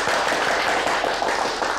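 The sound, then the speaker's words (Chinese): A crowd claps steadily for about two seconds to welcome the director of the subdistrict office, a dense, even patter of many hands with no voices over it. “下面我介绍一下，街道办事处周主任，鼓掌欢迎。”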